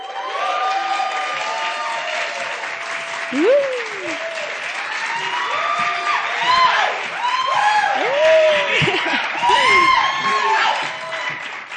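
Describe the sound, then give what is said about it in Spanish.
A crowd applauds steadily for about twelve seconds to welcome a band on stage, the clapping mixed with scattered cheers and rising and falling whoops from audience members. “Así que por favor, demos un fuerte aplauso para recibir a lo que no es oro y no es plata, pero suena como tal.”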